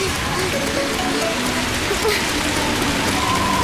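Steady rain pours down in a loud, dense hiss, an even wash of patter that never lets up, with only faint tonal traces beneath it.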